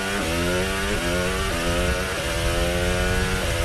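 George Russell's Formula 1 car engine screams loudly and continuously on a timed lap on hard tyres, its high whining pitch climbing and then dropping sharply several times in quick succession as it shifts through gears. No voices are heard.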